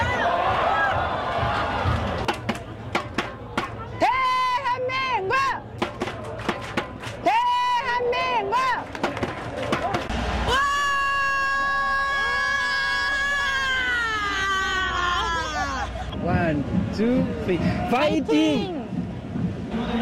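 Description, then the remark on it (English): Excited French fans of South Korea in Seoul scream and shout over a steady crowd roar, with high, wavering yells rising and falling, one long sustained shriek standing out, and bursts of loud cheering throughout. “That was mainly screaming, but it gives us a sense of the passion, I guess, and the global impact of the game as well.”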